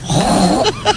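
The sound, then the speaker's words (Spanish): A woman on Basque regional television (ETB) imitates a pig: a loud, low, wavering grunt rolls for about half a second, then two short, breathy snorts follow in quick succession. “Un cerdo.”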